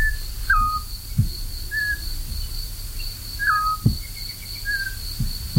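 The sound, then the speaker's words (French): A male and female bird call back and forth in the same large horse chestnut tree, recorded near Issijac on the road to Beaumont, trading short whistled notes at slightly different pitches every second or so, over a steady high-pitched whine and occasional low thumps. “On entend un mâle et une femelle qui se répondent dans le même arbre, un grand marronnier, autant que je me souvienne.”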